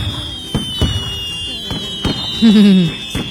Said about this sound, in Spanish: Quiero quitar los cohetes, vos. Échale agua, vos.